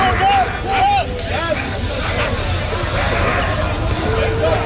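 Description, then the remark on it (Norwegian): Police in Paris, France, spray tear gas at school student demonstrators, pushing with shields against people in the streets: a loud, sustained hissing spray mixed with the dense hubbub of a crowd, with occasional shouts and whistle-like cries rising above the steady rush. “Hører vi politiet I Paris spraye tåregass mot demonstranter.”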